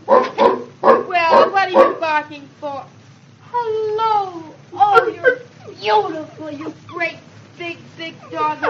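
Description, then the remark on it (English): A large dog gives a quick run of loud barks, then breaks into drawn-out whimpering whines, followed by more barks and yelps. “Oh, you're beautiful, you great, big, big dog. Like you shouldn't have anything to Well, bark.”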